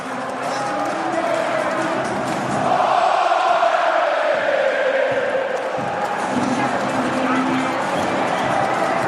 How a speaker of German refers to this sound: Der erste Stich in der Relegation. Das erste Tor, das hier die Tore öffnet, die Hafenstraße, sie bebt, sie feiert und die Mannschaft ist bei den Fans. Alle Auswechselspieler sind bei ihm. Und jetzt hört euch das hier einfach mal an.